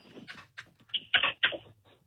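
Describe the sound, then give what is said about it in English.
A few short, sharp barks from a dog named Muffin in quick succession, fairly faint, with quiet background noise between them and no one talking. “Why did I just hear a dog bark?”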